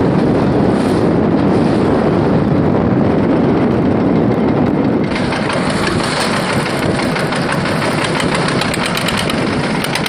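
Strong wind roars and buffets across an open fishing boat at sea on a day of rough waves, mixed with a steady, loud engine drone that continues without pause for the whole stretch; no one speaks.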